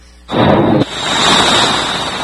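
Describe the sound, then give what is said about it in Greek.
A single powerful explosion from US bombardment in Iran (Bandar Abbas, Chabahar, Jask, Kish and Qeshm) erupts suddenly, a heavy boom that gives way to a long, loud rolling rumble and roar, with no voices present. “Ισχυρές εκρήξεις ακούγονται σε Μπαντάρα Μπάς, Τσαμπαχάρ, Τζάσκ, Κις και Κέσμ από το νέο σφυροκόπημα των ΗΠΑ.”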